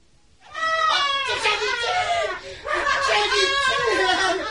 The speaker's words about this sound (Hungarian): Szentséges uram, mi ez a sikítás?